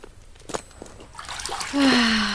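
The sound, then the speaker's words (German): Hot water splashes into a wooden tub, starting with a few light splashes and swelling into a loud, steady gush of pouring, with a rising hollow tone as it fills. “Jetzt bist du mal dran mit Wasserschleppen”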